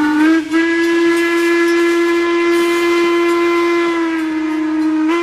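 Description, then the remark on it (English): A steam train whistle of the WMSR ice cream train in the Appalachian Mountains blows one long, steady, loud blast with strong harmonic tones and a faint hiss of steam, continuing unbroken for several seconds with no voices. “Check all available dates online and then book your ride on the ice cream train today”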